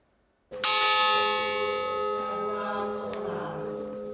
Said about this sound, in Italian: I loro nomi vengono letti uno alla volta, scanditi dal rintocco della campana del Bois du Casier. La miniera di carbone di Marcinelle.